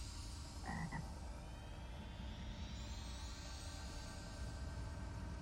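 A dense, continuous chorus of frogs croaking fills the scene, steady throughout, with one louder croak standing out near the start. No one speaks.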